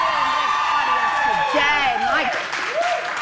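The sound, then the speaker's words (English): The studio audience of the Canadian television show The Social applauds itself for its fashion, dense loud clapping running throughout, with whoops and cheering voices rising over it and sliding up and down in pitch. “To start, you need to give yourselves a round of applause for the fashion.”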